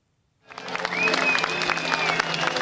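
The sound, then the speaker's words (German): Dense, steady applause from a crowd of several thousand people at a founding event on a public square in Athens, Greece, starts abruptly after a short silence and holds at a loud, even level as former Greek prime minister Alexis Tsipras steps before the audience shortly before 9 pm local time, with a faint high whistle riding over the clapping. “Unter anhaltendem Beifall trat kurz vor 21 Uhr Ortszeit Alexis Tsipras vor sein Publikum.”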